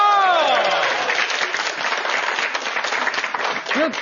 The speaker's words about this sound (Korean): 해당되시는 분들 박수 한번 주세요.